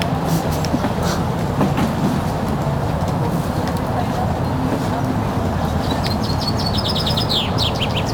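Birds chirp in a park, with a quick run of high, bright tweets near the end over a constant low roar of distant traffic.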